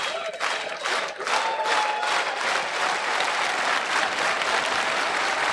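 A baseball stadium crowd cheers and applauds steadily, a dense, loud wash of clapping and shouting that holds without a break, with a few faint whistles rising above it, as pitcher Wilkerson seeks the final out with two outs and a runner on first base.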